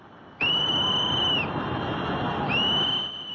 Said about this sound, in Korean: 다급한 호루라기 소리가 들리고 물줄기는 순식간에 댐 너머까지 넘쳐 흐릅니다. 작업하던 사람들은 황급히 대피합니다.